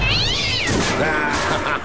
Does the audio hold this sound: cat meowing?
yes